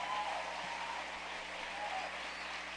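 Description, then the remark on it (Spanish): A church audience applauds together in praise of God during a sermon, a steady wash of many hands clapping that holds evenly for a few seconds. “Y démosle un aplauso a Dios por eso.”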